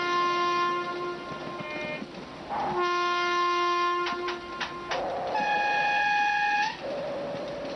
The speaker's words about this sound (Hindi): थाना भीमपुर में ये डाक गाड़ी रुकती है या नहीं? अरे भैया, थाना भीमपुर में सभी गाड़ियाँ रुकती हैं।